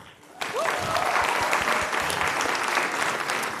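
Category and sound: crowd, audience applause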